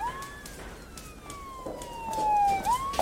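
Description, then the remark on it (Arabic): A police siren wails, its pitch gliding slowly downward and then sweeping back up near the end, over a low rumble of street noise with no one talking. “قلت لك هي شرطة مو إسعاف.”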